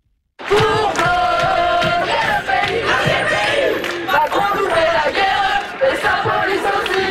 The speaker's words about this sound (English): Sound of protest by students in France. Today, more than 150 schools are shut following several days of demos.